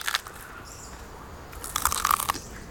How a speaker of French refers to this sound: Les koalas mangent les feuilles d'eucalyptus.